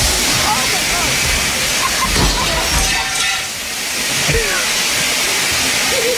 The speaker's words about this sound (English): That is so much water. It's a ton. That is so much water. It's not like a sprinkle. It's a huge gush. Like because she broke the sprinkler head. It's like the commercial sprinkler system.